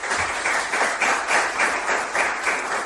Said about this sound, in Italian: il professor Francesco Giorgino, professore della LUIS diciamo, e tanta altra roba, non c'è bisogno che ve lo presento perché anche lui merita un applauso, diciamo, importante.